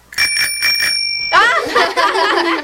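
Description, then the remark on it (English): A small tricycle bell, used to imitate a phone ringing while practising answering phone calls, rings in a quick, bright trill of several rapid strikes, fairly loud, before a person starts talking over its fading tone. “came up with the idea of using a tricycle bell”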